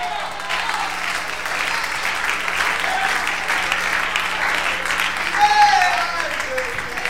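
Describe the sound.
An audience applauds steadily for about seven seconds, a dense, even wash of clapping with a brief voice or cheer rising above it near the end.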